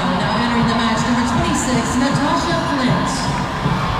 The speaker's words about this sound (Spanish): Ok, Priska, y la gente le aplaude a Priska.